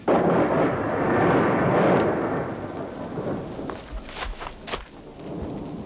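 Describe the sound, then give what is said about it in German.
A thunderstorm rumbles with a long, loud roll of thunder swelling and fading, then sharper crackling cracks and steady rain hiss follow. No one speaks. “Das Gewitter hier lebensgefährlich!”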